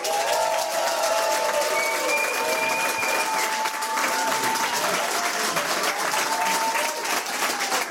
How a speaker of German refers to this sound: Ich freue mich sehr, dass Sie heute hier sind. Bitte begrüßen Sie mit einem tosenden Applaus